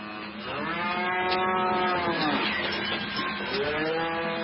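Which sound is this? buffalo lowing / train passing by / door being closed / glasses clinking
buffalo lowing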